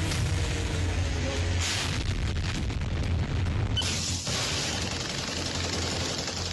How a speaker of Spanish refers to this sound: Puntos luminosos cruzando el cielo, explosiones en el horizonte. Demoledores estallidos sobre edificios residenciales.